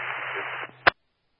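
A burst of band-limited radio static hisses steadily for over half a second over a low hum, then cuts off, followed by a short, sharp squelch click as the transmission ends.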